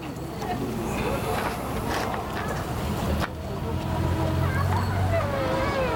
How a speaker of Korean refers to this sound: 저 버스 왔다. 타자.